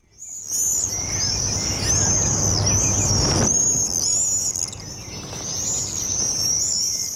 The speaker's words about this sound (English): Also coming up in the next hour, the sound of the swift.